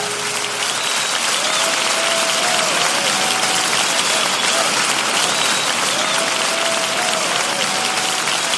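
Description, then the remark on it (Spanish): An audience claps loudly and steadily for several seconds in praise of the Lord, a dense, continuous wash of applause with faint tonal music or voices drifting underneath. “Dele fuertes palmas al Señor, aleluya.”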